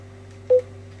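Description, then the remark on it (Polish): A single short electronic buzz-tone from a wired headset as the multifunction button on its cable is pressed and held, about a tenth of a second, sounding clearly over a faint steady low hum, with no talking. “O, tu brzęczy mi głowica.”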